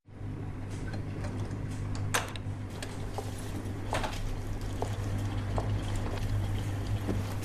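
dishwasher running

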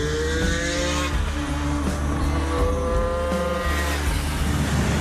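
two-stroke motorcycle engine revving

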